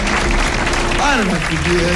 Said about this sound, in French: Et merci pour les applaudissements.